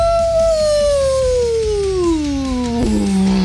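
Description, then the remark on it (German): A person on the radio show Bobs Morgen imitates a wolf howl, one long sustained tone that slowly slides downward in pitch over a few seconds, loud, with a slight break near the end. “So machen Wölfe und Werwölfe, wenn Vollmond ist.”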